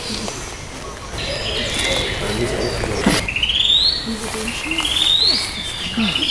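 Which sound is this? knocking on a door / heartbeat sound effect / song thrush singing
song thrush singing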